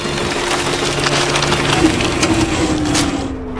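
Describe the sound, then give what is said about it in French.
A printer printing a typed report runs with a steady mechanical hum and grinding, scattered with crunching, clicking paper noises, then the motor strains as the paper jams. No one speaks. “Oh, c'est génial, bourrage papier.”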